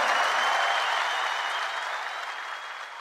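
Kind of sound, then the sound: crowd, audience applause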